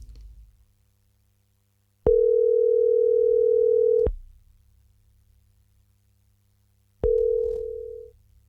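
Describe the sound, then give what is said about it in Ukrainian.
A Viber call's ringing tone sounds twice: a steady, fairly loud electronic beep held for about two seconds, a pause, then a shorter repeat over a faint low hum, with no one speaking. “Зараз маємо дзвінок на Viber.”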